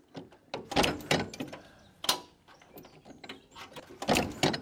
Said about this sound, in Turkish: Ateş aldı. Bir sorun var, bir şeyler oluyor. Marş alıyor.